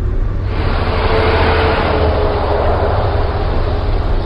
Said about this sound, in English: Driving through Houston is a reminder that the car is still king. Six lanes are blocked with cars. Stacked overpasses dangle above.